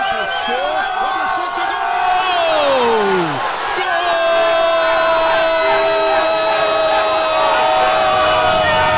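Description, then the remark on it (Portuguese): A loud, dense crowd of Grêmio football fans cheers and shouts nonstop as they come down a ramp, with rising and falling whoops and chant-like cries layered over a steady roar, plus a long sustained tone like a horn or whistle. “O pessoal está descendo a rampa, vibrando!”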